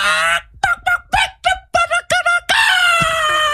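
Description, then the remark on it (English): A voice imitates a rooster while trying to call hens (gallinas) the way it is done in Chalatenango, El Salvador, starting with a drawn-out nasal call, breaking into a rapid string of about seven short honking bursts, then ending on another loud, sustained, strained cry. “That sounded like a gallo, fool.”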